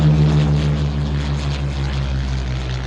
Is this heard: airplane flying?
yes